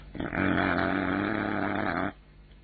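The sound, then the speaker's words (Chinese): A man's voice imitates the angry, snorting grunt of Hu Xian, a character swinging a three-section staff, one sustained growly rasp lasting about two seconds, fairly loud, then cutting off abruptly. “那个叫胡显的手中晃了三节棍，直哼哼。”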